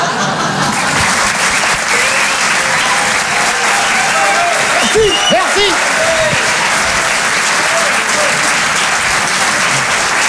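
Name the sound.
audience applause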